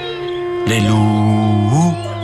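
A long, sustained wolf howl, of wolves in Paris during a freezing, famished winter, holds a steady pitch and then swoops upward near the end, loud, over a low continuous drone.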